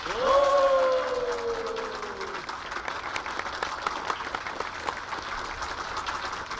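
Steady audience applause, a dense crackle of many hands clapping for several seconds. During the first two seconds a loud, sustained tone slides slowly downward over the clapping, then fades.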